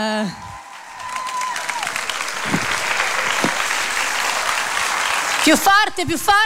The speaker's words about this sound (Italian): Più forte! Un grandissimo applauso! La stiamo intravedendo dietro alle quinte che sta arrivando e anche lei ha bisogno del vostro calore.